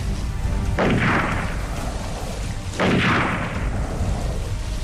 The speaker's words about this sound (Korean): 이 모든 일이 어떻게나 갑작스레 일어났던지 놈들은 오리뽕뽕에 있다가 한참 지나서야 깨닫고 일제히 물에 대고 총을 쏘았다.